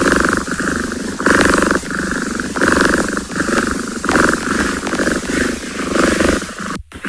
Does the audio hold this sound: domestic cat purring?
yes